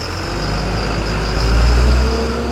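A diesel school bus engine runs steadily, a loud low rumble that swells slightly midway through, with no voices present.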